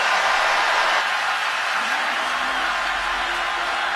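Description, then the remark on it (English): A huge football crowd at Arrowhead Stadium roars continuously during a Chiefs game against the Colts, a dense, loud wall of cheering and yelling that holds steady from start to finish without letting up. “Yeah, the 12th man is for real here at Arrowhead Stadium.”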